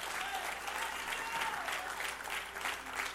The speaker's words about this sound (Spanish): Aplauda fuerte a Dios.